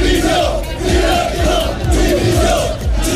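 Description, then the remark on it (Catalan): A large crowd of Girona football fans chants outside Montilivi stadium after the match. Many voices join in a loud, steady rhythmic chant of "Dimissió! Directiva!" that rises and falls in repeated phrases without pause. “Aquests eren els càntics que s'escoltaven fora de Montilivi un cop acabat el partit.”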